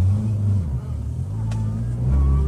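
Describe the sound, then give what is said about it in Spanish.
A car engine drones loudly, rising in pitch as it revs and pulls away while men steal the car, its low rumble steady throughout the short stretch with a brief higher whine near the middle. “Están los manes que me están robando el carro.”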